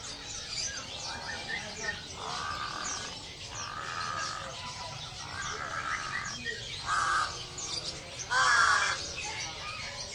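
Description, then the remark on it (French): Many caged birds call at once in a busy bird market in Yogyakarta, with repeated harsh bursts and chirps over a dense chattering background, and a murmur of human voices beneath. “Mais si ce n'est pas des mammifères, peut-être que vous allez préférer le marché aux oiseaux de Yogyakarta.”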